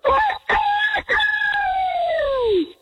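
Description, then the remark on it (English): A person imitates a rooster crow: a few short clipped bursts, then one long drawn-out wavering note that slides downward and fades at the end. “I would say the open is stronger than the close, but overall, a great rooster crow.”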